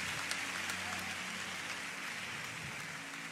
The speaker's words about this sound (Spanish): Tome su asiento mientras le da unas palmadas al Señor. Vamos, dele un fuerte aplauso a Dios. Amén.